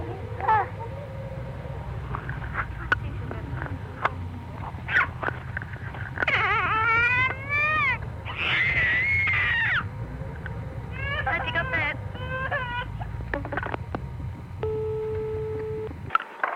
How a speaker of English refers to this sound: I'll try and get my little 15-month-old daughter, who's got a terrific scream. Can you hang on a minute?